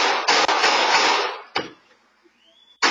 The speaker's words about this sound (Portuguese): Momentos depois, dá para ouvir os disparos.